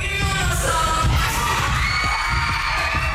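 A dense, roaring crowd of more than 300 people rocking out in a makeshift mosh pit at a festival on Friday night cheers and shouts wildly. It is loud and sustained throughout, with high whoops and screams rising over a thick low rumble of many voices.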